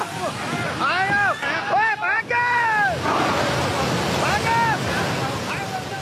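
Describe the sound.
A loud, steady roar of rushing floodwater, walls of water carrying mud and ice down a Himalayan mountain valley during the Nepal-Tibet floods, while panicked voices cry out in strained, rising shouts over it.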